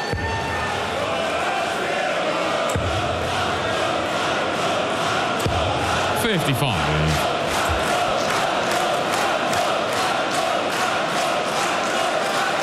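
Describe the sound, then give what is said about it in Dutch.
A large audience at a darts match chants and cheers continuously, a dense roar of many voices with rhythmic pulses, plus a brief sliding whoop or whistle midway through. “Ja, als het niveau niet al te best is op het podium, dan moet je iets anders gaan doen. En dat heeft het publiek begrepen.”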